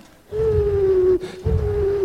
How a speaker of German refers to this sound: Ein Uhu.